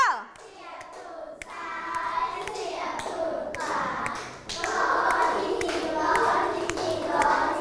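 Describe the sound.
A group of children clap their hands together in a lively, uneven patter that continues throughout, with young voices chattering and cheering underneath.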